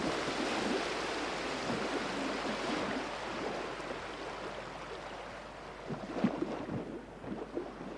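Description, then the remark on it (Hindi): Ocean waves rush and wash in a steady, loud roar, with a few sharper splashes near the end and no voices. “तो आइए समुद्र की इन लहरों के साथ हम भी निकल पड़ते हैं एक नई यात्रा पर मुंबई के तट से हुगली नदी के किनारों तक और वहां से भारत की बढ़ती समुद्री शक्ति की एक और प्रेरक गाथा की ओर।”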